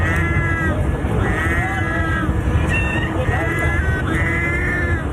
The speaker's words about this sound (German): oder die Möwen, die sich Miauen beigebracht haben? Ich würde mal auf eins tippen. Das stimmt. Ja, cool. Sollen wir es uns mal anhören, wie das so klingt? Pass mal auf, also da hat sich auch in der Mitte eine Katze drunter gemischt, aber so klingt es.